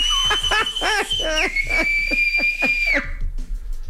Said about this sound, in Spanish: Enséñate a chiflar.